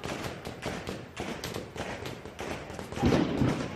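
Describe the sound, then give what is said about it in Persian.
Rapid bursts of war gunfire from a machine gun crackle in quick succession, each shot short and dry with no echo, unlike paintball or pellet guns, forming a dense, uneven volley that swells louder toward the end. “خشکتر است، کوتاه‌تر، بی پژواک. صدای گلوله جنگی است.”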